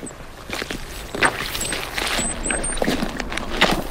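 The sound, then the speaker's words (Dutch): Boots squelch on soft, waterlogged bog peat, recorded with the microphone held down by the boots. It is a series of wet, spongy steps with short sucking squishes, fairly quiet and unhurried, with no talking. “Kun je dat als je je microfoon bij je laarzen, kun je dat sponsigen laten horen?”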